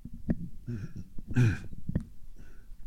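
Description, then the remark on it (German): A loud throat clearing with a raspy burst in the middle, surrounded by a few shorter guttural grunts and breathy sounds, no speech. “Musste mich räuspern, Entschuldigung.”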